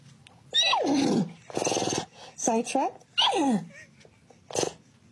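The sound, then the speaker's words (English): A person imitates a horse neighing, speaking in horse language, with a series of loud whinnying vocal bursts, pitch wavering and sliding downward, repeated about five times with short pauses between. “Next MLB Pride Night, you must speak nay.”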